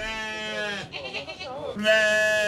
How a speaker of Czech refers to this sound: Ovako su nas pozdravile dvije ovce s ovnom na čelu.